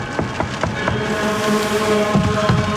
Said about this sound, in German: Es war bereits fast Abend und der Sturm peitschte noch immer in unverminderter Härte den eiskalten Regen gegen die Fenster unserer kleinen Kirche, als mich plötzlich verzweifeltes Klopfen an der Pforte aus meinem Gebet riss.